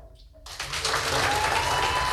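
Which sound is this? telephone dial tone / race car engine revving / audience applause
audience applause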